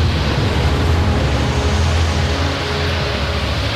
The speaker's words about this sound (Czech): Takové vlnobytí jsem si nedokázal ani ve snu představit, pane Hokici. A vítr sílí každým okamžikem.